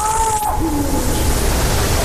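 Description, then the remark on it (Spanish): A drawn-out, cat-like mating-season yowl of an Iberian lynx, with a sliding, wavering pitch, rises faintly through a steady hiss of wind or rushing water and is partly masked by the background noise. “yo creo que vamos a escuchar un sonido que es el sonido para mí más importante que se puede escuchar en la naturaleza en Europa, que es el maullido de celo del lince ibérico.”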